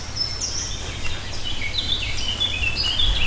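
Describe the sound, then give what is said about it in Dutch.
Several small birds chirp and twitter outdoors on a camp site during two minutes of silence at a commemoration, their high thin calls overlapping continuously over a low, steady background rumble, with no talking. “En met alleen het geluid van de vogeltjes hier op het kampterrein is het na de 2 minuten stilte tijd voor de bloem- en kranslegging.”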